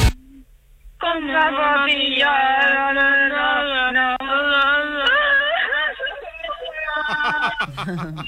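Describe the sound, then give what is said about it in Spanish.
A voice performs a madman's crying: a long, wavering wail for several seconds, then shorter sobbing gasps, sounding somewhat thin and band-limited, like it's coming through a phone or radio. “El llanto es que me ha gustado mucho, ¿eh? El llanto del loco.”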